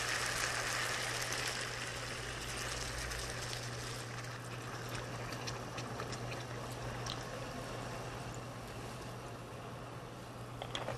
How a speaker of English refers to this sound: Okay. Now we're gonna pour in some of the water. This is about 500 milliliters.